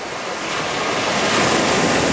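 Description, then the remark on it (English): Steady rushing ocean surf with a broad, hissing roar that swells slightly louder toward the end, mixed with gusty wind noise, no voices present, as foam-filled cars connected by cables, carrying a rubber boat, are driven into the water to launch. “Equipped with a solar-powered satellite phone and what they hoped would be enough food supplies, they drove into the water.”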